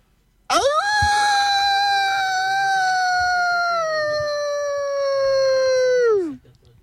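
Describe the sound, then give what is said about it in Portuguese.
A person imitates a wolf, letting out one long, loud, sustained howl lasting about six seconds, its pitch holding steady then sliding down at the end, with no other talking. “Você pode soltar um uivo?”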